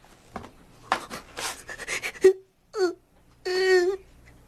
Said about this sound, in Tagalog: Umiiyak ka?